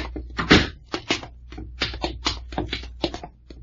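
A door is opened nearby amid a rapid series of close wooden clunks and knocks, irregularly spaced over a few seconds, with no one speaking.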